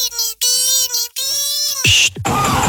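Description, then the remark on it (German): A voice imitates a struggling car engine: whining, sputtering tones broken by short gaps, ending in a noisy, collapsing splutter. Loud, heard alone. “Wenn euer Fahrzeug so klingt, dann gibt's nur eins.”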